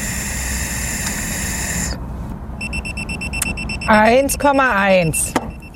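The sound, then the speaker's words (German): A breathalyzer sounds a steady, high-pitched electronic alarm tone right after a couple of seconds of rushing blowing noise, as a man who has drunk 1.5 Mass blows into it again. A voice briefly talks over the tone near the end. “So, nochmal pusten.”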